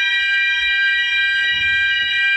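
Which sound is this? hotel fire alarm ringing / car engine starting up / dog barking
hotel fire alarm ringing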